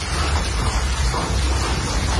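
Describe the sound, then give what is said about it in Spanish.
A heavy rain and hail storm sweeps over Catalonia, pouring down in a dense, steady roar, with a deep low rumble underneath and a constant hissing wash across the whole sound, no voices heard. “Nos situamos en Barcelona, día de evaluar daños por las fuertes tormentas de intensas lluvias y granizo.”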